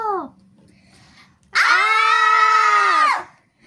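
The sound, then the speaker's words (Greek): A voice imitates an alien shriek: one loud, sustained, high-pitched squeal lasting about a second and a half, rising sharply out of near silence and then cutting off. “Τσίριξαν οι εξωγήινοι με το που τους είδαν.”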